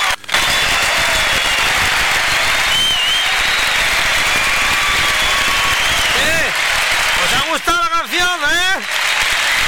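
Loud, steady applause fills the whole clip, a dense crackle of many clapping hands, with a few high, wavering whoops or whistles rising over it toward the end.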